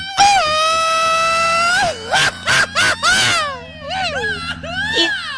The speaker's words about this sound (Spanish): ¡Un grito mexicano!